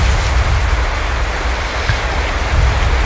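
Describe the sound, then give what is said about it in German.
Steady ocean surf forming the intro of a song washes continuously, a loud roar of breaking waves with a deep low rumble and hiss and no clear swells or pauses. No one speaks. “Ah, …. Genau. Von den ….”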